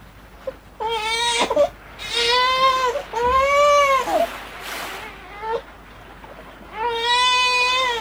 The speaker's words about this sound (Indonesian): Suatu hari ketika Batin Lagoy sedang berjalan menyusuri pantai, tiba-tiba ia dikejutkan dengan suara tangisan bayi dari arah semak-semak pandan.